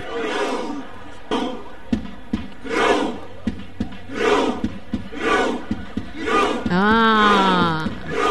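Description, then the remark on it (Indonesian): Norwegian football supporters in a stadium perform their trademark Viking clap chant, done before or after matches involving Norway: a deep collective "huh" with a sharp clap, repeated about once a second and gradually speeding up, then a loud rising victory cheer breaks out at the end. “Kalau kamu perasan lah kan, setiap sebelum ataupun selepas perlawanan yang melibatkan negara Norway, dorang akan buat begini.”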